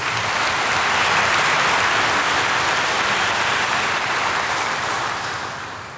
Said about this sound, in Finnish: Annetaan heille kaikille aplodit.